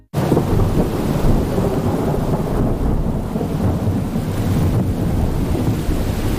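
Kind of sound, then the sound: nature, thunder and heavy rain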